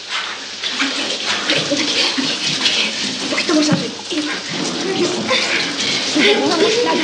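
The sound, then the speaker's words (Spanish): Shower water runs steadily throughout, a continuous hiss and splatter falling on a person's face, staying at an even level, with a voice murmuring faintly underneath. “El agua le cae en la cara.”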